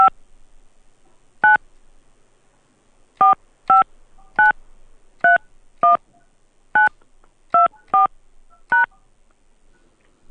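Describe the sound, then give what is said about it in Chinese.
Phone keypad tones as the insured person's phone number is entered on an insurance customer-service hotline, confirmed with the pound key: about eleven short, clear dual-tone beeps pressed at an uneven pace with brief gaps, over quiet line hiss and no talking. “暂未查询到您的投保记录，需要您输入投保手机号，按井号键确认。”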